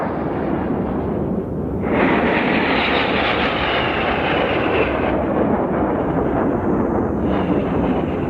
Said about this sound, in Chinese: 这是我们的空军舰儿驾驶的94架战鹰，轰炸机、强击机、歼击机组成楔形的空中梯队，这是保卫祖国领空的无敌战鹰。